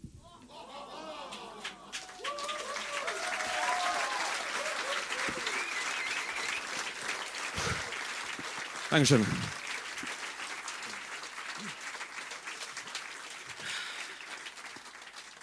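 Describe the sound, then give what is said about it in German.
Steady applause from an audience at a competition fills the space for the whole stretch, a dense wash of clapping, while a man speaks briefly over it near the start and again around the middle. “Vielen Dank für den Applaus.”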